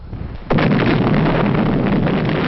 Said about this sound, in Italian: Un'esplosione potentissima, un enorme fungo di fuoco nel cielo, sconvolse tutti.